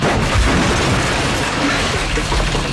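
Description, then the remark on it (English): A trailer axle breaking off: a loud, sustained crashing roar of grinding metal with heavy low thuds running through it for about three seconds, with no one talking. “Did your axle just leave the chat?”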